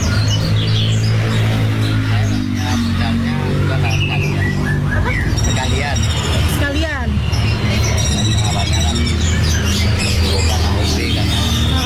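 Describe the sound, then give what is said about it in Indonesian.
Songbirds kept at a songbird trader's stall chirp and tweet busily throughout, with quick overlapping calls from several birds over a constant loud low drone and faint background murmur. “Nah, gimana nih awal mula kamu putusin buat usaha burung kicau gitu, gimana tuh Pak?”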